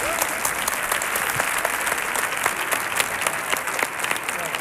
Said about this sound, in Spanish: Fuerte el aplauso